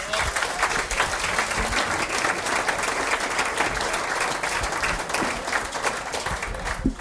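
Sustained audience applause, a dense, steady wash of many hands clapping at an even loudness for several seconds, with no one speaking over it.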